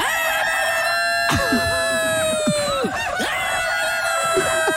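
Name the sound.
rooster crowing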